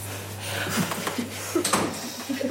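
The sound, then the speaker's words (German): A door is pushed shut partway through during the filming of a scene, a soft muffled thump with a brief rattle, set against a steady low electrical hum and faint shuffling. “Und Tür zu machen.”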